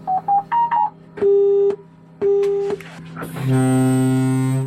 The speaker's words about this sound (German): Besetzzeichen und Nebelhorn. So hört es sich an, wenn der vollautomatisierte Zug hochgefahren wird und die Bremsen selbst testet.